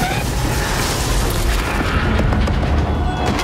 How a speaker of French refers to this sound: Ouais, bah oui, enfin, en tout cas, Disclosure Day, c'est quand même 2h30 de spectacle, une scène de carambolage de train-voiture assez dingue, également extrait.